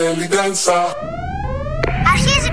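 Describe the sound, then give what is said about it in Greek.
An alarm siren wails upward, its steady tone climbing in pitch over a low rumbling bed, after a few short, buzzy tonal bursts at the start. “Συναγερμός.”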